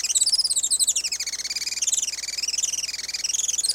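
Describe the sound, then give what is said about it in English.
A Juan Fernandez firecrown hummingbird, a species found only on Robinson Crusoe Island, gives a continuous, rapid, high-pitched chittering trill that wavers up and down in pitch, steady, with no voices present. “Today, conservationists with Oikonos ecosystem knowledge are working to restore the island's native forests and to ensure a bright future for the Juan Fernandez firecrown.”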